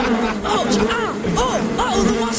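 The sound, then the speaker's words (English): A wasp swarm drones in a dense, continuous, fairly loud buzz, with wavering tones rising and falling above the steady hum. “We best beat a hasty retreat or we'll end up as food for the wasps ourselves.”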